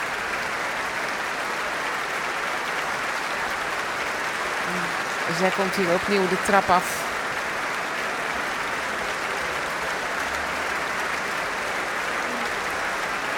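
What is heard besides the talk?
audience applause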